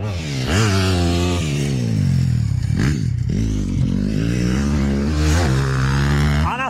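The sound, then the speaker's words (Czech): Motocross bikes roar loudly during a motocross training session at the Automotoklub Pacov in Pacov, Vysočina, Czech Republic, engines revving with repeated rising and falling pitch as they accelerate and ease off, a continuous buzzing drone with no voices. “Tohle burácení je motokrosový trénink v automotoklubu Pacov.”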